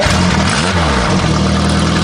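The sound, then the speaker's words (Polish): A small motorbike engine is started and runs loud, its pitch dipping and climbing in a quick rev before settling back into a steady, buzzing idle. No one speaks. “Siemka, myślę, że zapach z odpalonej włoski robi wielu osobom dobrze. A co to jest włoska? No jak to? Odpalam.”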